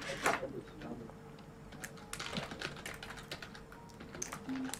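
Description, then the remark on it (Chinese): Rapid, irregular clicks of fingers typing a comment on a computer keyboard, moderately quiet, with a faint murmur of voice in the background. “但是我们虽然发现了这个 bug，还是要打字说哇，连痣都一模一样。”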